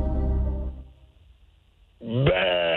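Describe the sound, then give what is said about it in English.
A person imitates an angry goat with one loud, strained, wavering bleat near the end, after a brief low murmur and a moment of near silence. “What sound does a goat that is mad makes?”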